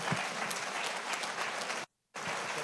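Loud, dense audience applause of many hands clapping at once, briefly cut to silence near the end before the clapping resumes.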